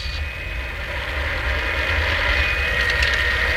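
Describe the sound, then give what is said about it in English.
A toy electric train set with a variable speed rheostat and automatic signals runs steadily, its small motor giving off a continuous whirring hum with a thin high whine and a low rattling rumble underneath, growing slightly louder partway through. “Let's see your train. It's all set up over here.”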